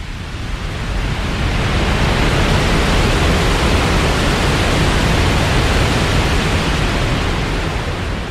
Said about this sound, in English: This waterfall is on the border of the United States and Canada. It is one of the largest in the world. Each year, more than 12 million people visit it. Today's spotlight is on Niagara Falls.